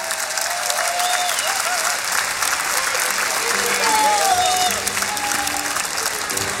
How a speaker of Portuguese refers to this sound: Um grande aplauso para eles.